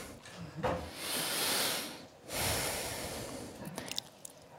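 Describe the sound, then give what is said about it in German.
Two long, airy breaths opening a radio drama, a slow inhale swelling and fading, a brief pause, then another drawn-out breath, with no talking. “Atmen, dann das Aufschlagen einer Bettdecke, Schritte, barfüßig durch die Wohnung laufend.”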